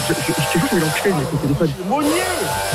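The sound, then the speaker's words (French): A neighbour's power drill, used for renovation work, whines steadily in the background while someone talks over it, the continuous buzzing noise running under the voice for most of the moment. “Arrête Mounier, la perceuse, j'entends pas.”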